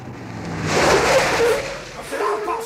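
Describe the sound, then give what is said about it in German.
A car drives past on a street, its broad engine and tyre noise swelling to a peak and then fading, with faint voices in the background. “Wenn das Auto sie niedergefahren hätte.”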